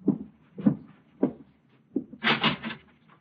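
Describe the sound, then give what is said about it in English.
An apartment door is opened: three dull, low thumps at an even pace, then a brief, brighter rattling scrape as the latch and door move. No voices. “Now you can open the door.”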